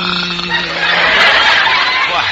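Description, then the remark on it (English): A man clears his throat with a rough, guttural rasp that begins with a low voiced hum and builds into a harsh, noisy scrape lasting about two seconds, fairly loud and unaccompanied by speech. “He's just clearing his throat.”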